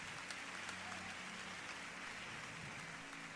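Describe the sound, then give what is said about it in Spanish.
An audience applauds to praise God, a dense, steady patter of many hands clapping at once, fairly soft and even throughout, with no voices heard over it. “Vamos, dele un fuerte aplauso a Dios.”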